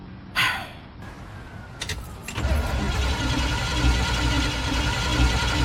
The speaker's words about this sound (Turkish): Kontak anahtarın olabilir. Evet. Bu marş motorun.